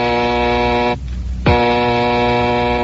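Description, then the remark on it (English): The bat phone in Wayne Mansion rings with a loud, harsh, buzzing tone in two long bursts separated by a short pause. No voices are heard. “One night in the Wayne Mansion, Bruce and his young ward, Dick Grayson, have just finished dinner when suddenly the bat phone rings.”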